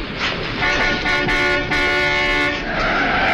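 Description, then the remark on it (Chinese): A loud car horn blares steadily for a couple of seconds, mixed with a harsh screech of skidding tires over busy street noise, then drops away, as a car knocks Smith down hard in the road. “一辆汽车把史密斯重重地撞倒在马路上，他昏了过去。”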